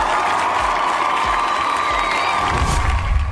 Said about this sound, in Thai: ขอเสียงปรบมือสักครั้งนึงครับผม